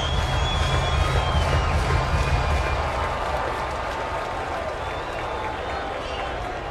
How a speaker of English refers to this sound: Oh, the fan base jockeying, some cheers back and forth. O's fans trying to drown out those that are in town rooting for the visitors.